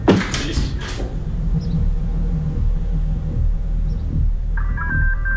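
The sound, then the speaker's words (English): A burst of clattering opens over a steady low rumble, then near the end an electronic telephone ringtone starts up, a bright warbling tone that is fairly clear. “Come on, man, get the phone, man.”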